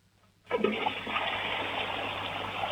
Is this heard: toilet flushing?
yes